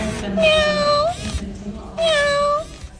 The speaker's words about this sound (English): That was a pretty good meow, I'd say, for a robotic cat.